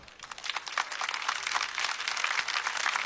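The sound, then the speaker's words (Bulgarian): Audience applause welcoming a jazz quartet's drummer onto the stage: dense, crackling clapping from many hands, building quickly and holding steady at a moderate level for a few seconds, bright and hissy with no voices. “И така, дами и господа, много моля за вашите бурни аплодисменти да посрещнем на сцената Емил Тасев, барабани.”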